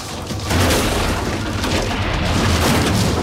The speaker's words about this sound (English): The car crashes into its quill-like branches. The boys glance at each other as the car falls backward. It comes to rest in the crook of the tree.